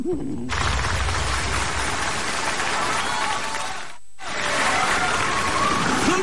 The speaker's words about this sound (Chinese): 掌声啊，我听出来了。